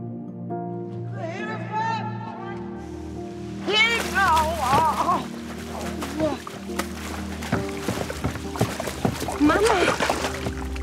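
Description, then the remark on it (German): Water splashes and sloshes as a woman who has fallen into the water from a jetty thrashes about, growing busier partway through, with voices crying out over the commotion. “Dann wäre nur sie da gewesen, als ihre Mutter sich zum Steg geschlichen hat und ins Wasser gefallen ist.”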